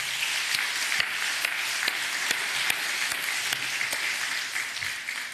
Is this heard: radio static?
no